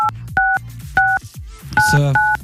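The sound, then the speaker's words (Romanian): A radio show dials a phone number during its grand final: about five short two-tone keypad beeps at an uneven pace, fairly loud, with a brief burst of noise near the end and no talking. “Voi vă dați seama că noi sunăm...”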